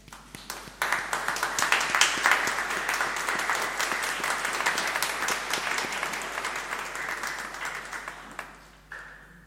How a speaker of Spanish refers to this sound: También le podemos dar un aplauso, ¿no?